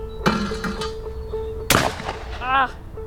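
A single sharp shotgun blast cracks out at a clay pigeon, preceded by a few softer clicks over a steady low hum, and followed by a brief voice.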